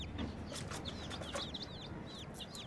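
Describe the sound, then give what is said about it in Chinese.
High, thin peeping from baby chicks, many short chirps overlapping in a busy, steady chorus, with soft rustling beneath and no voices. “爸爸，你快看，小鸡。”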